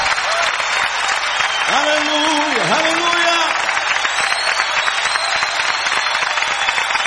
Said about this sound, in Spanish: aplauso fuerte al Señor.